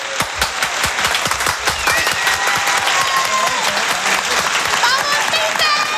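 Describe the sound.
Sustained applause from a large crowd, dense and steady clapping throughout, with some whistles and cheering voices rising over it toward the end.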